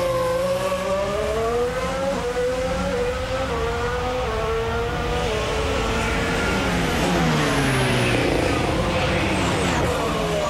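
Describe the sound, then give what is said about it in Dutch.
A Formula One car screams through a lap on a low-fuel run on medium tyres, its high engine whine rising and falling steadily as it accelerates and shifts, loud and continuous with faint talk underneath. “Maar dit is dus een run met weinig brandstof aan boord. En op de mediumband.”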